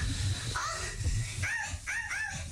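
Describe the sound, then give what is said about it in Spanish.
A dog in a film's children's birthday party scene gives a few short, high-pitched barks in quick succession over a steady low rumble of background noise. “Ahí entra el perro.”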